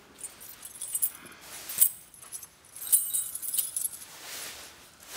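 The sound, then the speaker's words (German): Keys jangle and clink as they're picked up, a bright metallic rattling in several short bursts over about five seconds, with no voices. “Jacke, Schlüssel.”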